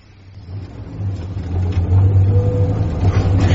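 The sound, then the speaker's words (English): The 1600cc engine of a new automatic van hums low, steady and very quiet, swelling gradually louder as it revs slightly, with a smooth rumbling drone and no voices. “But listen to that engine. You can hardly hear it. It is like a little bee buzzing away somewhere in the distance.”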